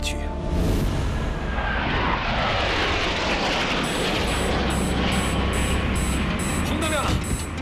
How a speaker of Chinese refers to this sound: 云海中，失重模拟飞机沿抛物线连续俯冲、拉起，让我们反复经受失重的考验。